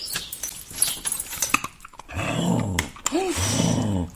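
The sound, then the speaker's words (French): A large Labrador-shepherd mix dog growls in two drawn-out, rumbling bursts, each lasting under a second, after a stretch of clattering and shuffling noises. “J'ai un chien, je l'ai adopté il y a 2 ans.”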